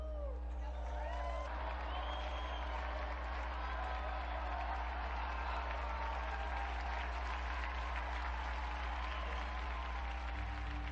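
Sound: applause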